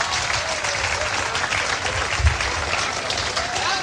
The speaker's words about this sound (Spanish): Denle el aplauso al Señor, bien grande.